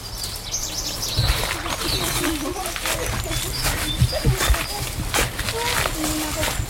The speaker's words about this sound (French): Aucun bruit après, des oiseaux tranquilles.